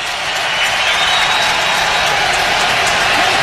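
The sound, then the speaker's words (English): A big stadium crowd at a football game roars and cheers as a tackle brings up third down and six at the New England 39-yard line, in a steady, loud, hissing wall of noise that holds for the full three and a half seconds without a break and without any voices on top. “Crowd on its feet.”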